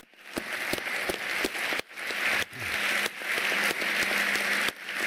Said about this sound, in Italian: e il grande applauso a Finn Kristian, che anche lui ci ha lasciato pochi anni fa.